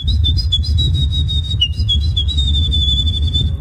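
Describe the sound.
A person whistles an imitation of Eurasian wren song, the winning entry at the third Polish Bird Imitation Championships, a loud, continuous high-pitched warble with rapid trills and slight pitch dips, over a low rumbling background.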